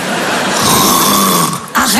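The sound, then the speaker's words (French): A woman snoring: a loud, rasping snore drawn out for well over a second, rough, followed by a brief catch and a short grunting restart at the end. “Bah, tu ronfles un peu, chérie, ça m'étonnerait, je dormais pas.”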